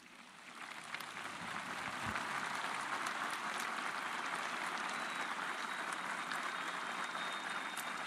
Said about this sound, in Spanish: Aplausos al obispo de la diócesis nibariense, que me imagino que estará también muy emocionado.